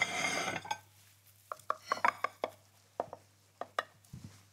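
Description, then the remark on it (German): A knife or server cuts a generous piece from a quiche in a baking dish, making a series of short, sharp clicks and taps against the dish in an uneven rhythm, with a low steady hum underneath. “gucken wir mal, ob wir das gescheit geschnitten kriegen hier.”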